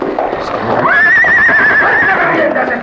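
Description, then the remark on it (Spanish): A horse neighs loudly, one long, shrill whinny with a quavering pitch that lasts over a second before trailing off, set against a busy, noisy background. “Voy a hacer que el caballo te deshaga con las patas.”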